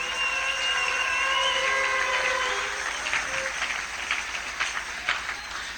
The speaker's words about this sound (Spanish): Un aplauso, Señor.